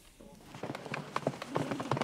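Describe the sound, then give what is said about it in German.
Foal hooves clip-clop at a steady, brisk pace on the hard surface of a show runway where the Westfälisches Pferdestammbuch breeding association films young horses for an online auction, a run of sharp knocks that starts after a quiet moment and continues to the end. “Das ist quasi der Laufsteg für die Fohlen.”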